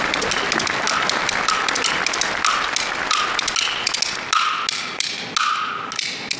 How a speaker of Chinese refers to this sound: 反正同学们要不鼓掌，我就打到下课。 好，老师还要掌声呢。